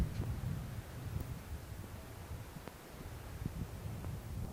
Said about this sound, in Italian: allora andiamo a scoprire, se il vento non ci porta via prima, questi ruderi che sono stati ritrovati